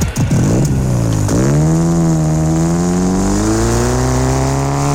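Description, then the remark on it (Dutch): A car engine revs hard as the accelerator pedal is pressed, its pitch sweeping up and dropping twice in quick bursts before settling into a loud, steady high drone, with no voices present. “Doe een beetje rustig met dat gaspedaal.”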